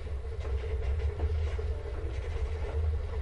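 A train rolls steadily along the rails on a ride from Manhattan to Hollywood, a continuous low rumble with a faint rattling hiss on top, even in loudness throughout, with no voices.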